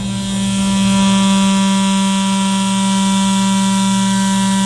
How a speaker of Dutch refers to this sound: Is het geluid van een hybride tandenborstel. Nou, het is dus een normale tandenborstel. Dus gewoon geen elektrische.